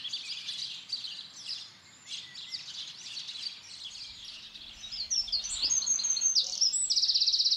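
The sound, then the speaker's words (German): Several songbirds sing at once around the hedge of a farmhouse in Nettlingen, Hildesheimer Börde, Germany, in a dense, overlapping chorus of high chirps and warbles, ending with a rapid, bright trill that grows louder toward the finish. “Die Hecke ums Haus zieht Singvögel magisch an.”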